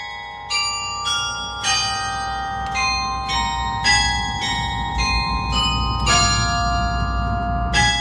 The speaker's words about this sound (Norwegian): Dette litt lyd fra Takk, hentet fra Edvard Griegs lyriske stykker, spilt fra klokkertårnet I Nidarosdomen I Trondheim for en drøy time siden,